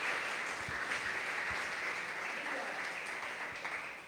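A crowd at a Christian service claps hands for the Lord in a steady, dense wash of applause that keeps a fairly even loudness throughout and tapers slightly at the end.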